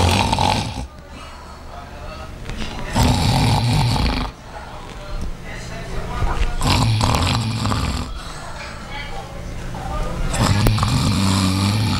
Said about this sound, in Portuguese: A senhora tava era roncando.